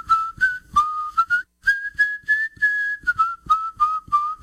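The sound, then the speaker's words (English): A person whistles a clear, melodic tune, the pitch stepping between sustained notes and quick trills, with faint low thumps and background noise underneath and no talking. “I've been whistling ever since we celebrated our first anniversary”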